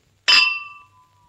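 A single bright clink of glasses touching in a toast, followed by a clear ringing tone that slowly fades away, fairly loud with no voices.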